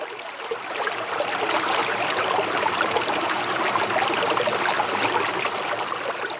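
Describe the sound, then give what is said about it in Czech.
Steady flowing river water as a boat sets off from the bank onto the open river, a continuous rush and trickle with fine splashing texture, holding an even level throughout with no voices. “Děti, držte se, házím koňadru od břehu, tedy lano, a vyrážíme na otevřenou řeku.”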